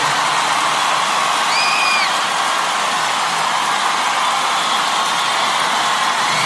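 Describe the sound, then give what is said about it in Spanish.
A big audience gives a strong round of applause for a friend, clapping loudly and steadily throughout, a dense, continuous wash of applause with a brief whistle or cheer rising above it early on. “Ten un aplauso fuerte, nuestro amigo”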